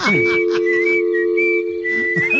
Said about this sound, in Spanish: Mientras que le llama, me voy a poner a chiflar, ¿eh? Sí, por favor.